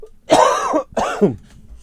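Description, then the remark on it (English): Two loud, harsh coughs in quick succession from a sick radio host on WESU Middletown 88.1 FM, with a brief pause between them and no talking. “Hold on, I got a cough again.”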